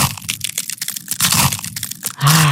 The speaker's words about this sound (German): Eiswaffeln knuspern. Das ist so toll, das macht Spaß.